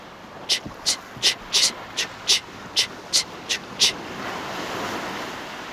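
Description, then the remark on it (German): Sea water laps in a quick, regular run of about ten short, bright splashing bursts, then gives way to a steady, soft rushing wash of surf. “Lo sciabordio.”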